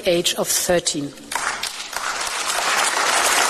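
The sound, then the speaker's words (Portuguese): A brief voice speaks at the start, then the European Parliament breaks into dense, sustained applause for European Commission President Ursula von der Leyen as she proposes banning social media for children under 13; the continuous clapping builds and holds steady. “A presidente da Comissão Europeia, Ursula von der Leyen, foi aplaudida pelo parlamento ao propor a proibição de redes sociais para menores de 13 anos.”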